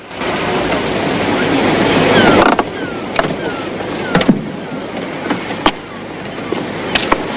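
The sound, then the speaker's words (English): A car crunches slowly over a gravel parking space opposite a large white building with a red hotel sign in a town, its steady rolling noise cutting off after a couple of seconds, followed by a few sharp scattered clicks and crackles as it settles to a stop. “The dog casually steps aside, then the car comes to a stop, on a gravel parking space opposite a large white building with a red hotel sign.”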